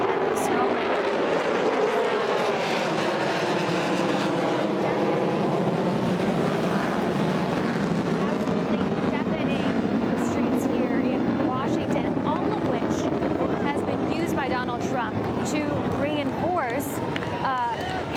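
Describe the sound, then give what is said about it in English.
A U.S. military aircraft roars over Washington in a loud, sustained flyover during U.S. Air Force maneuvers, its engine tone sweeping and shifting as it passes, while a person keeps talking underneath the noise. “In fact, I'm hearing yet another military flyover.”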